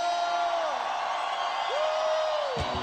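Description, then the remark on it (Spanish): A dense crowd roars and cheers, with two long whooping voices rising above the din, one near the start and another toward the end, before a brief thump cuts it off. “Un grito de júbilo.”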